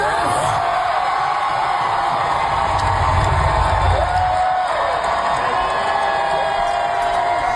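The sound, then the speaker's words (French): A large crowd at Comic-Con in San Diego gives a sustained standing ovation as actor Rick Moranis is introduced, with steady loud applause, cheering and scattered whoops and shouts filling the whole stretch without a break. “voici la réaction de la foule lorsqu'on présente cet invité”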